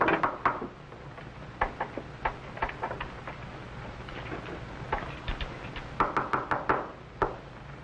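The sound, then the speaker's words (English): Knocking on a wooden door, a series of sharp raps in irregular clusters, ending with a quick burst of four or five firm knocks over a faint low background hum. “All right, Henry. Open the door.”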